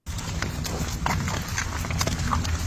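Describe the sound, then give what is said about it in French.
Heavy ox hooves plod along at a steady walking pace, each step a distinct knock on hard ground, with a low continuous rumble underneath; a sound clue for the Col du Pas de Bœuf, a 2816-metre pass in Switzerland. “Ah ben, on entend des pas. On entend des pas et même, c'est pas de bœuf.”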